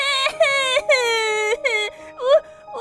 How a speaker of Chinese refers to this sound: 忘记告他哭声扰人罪了。哦，每天只会哭，是以为泪水可以洗刷霉菌吗？